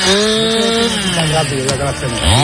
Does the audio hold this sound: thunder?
no